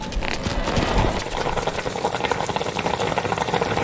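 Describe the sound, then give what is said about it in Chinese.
Onions and green and red peppers stir-frying with deep-fried crispy pork in a wok, tossed quickly so the flavors soak in: a steady sizzle with quick, rhythmic scraping and clatter of a spatula tossing the food, continuous throughout with no talking. “把洋葱和青红椒炒熟，加入炸好的酥肉，快速翻炒入味。”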